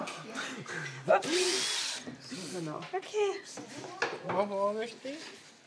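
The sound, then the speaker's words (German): A short burst of an electric drill boring into wood during a woodworking course, whining for under a second before stopping, with people talking before and after it. “Einfach bohren und wieder rausziehen.”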